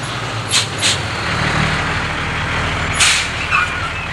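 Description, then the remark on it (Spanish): A large truck idles with a low, steady engine rumble, while several sharp hissing bursts of air brakes cut through as it pulls up and comes to a stop in a city warehouse district, its lights shining on the warehouse buildings. “¡Camión! ¡Camión! ¡Gente, por favor, paren!”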